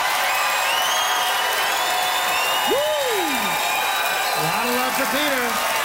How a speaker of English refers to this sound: By applause, how many of you agree with Peter that making Saskatoon the capital city would cap it all? Peter Brown.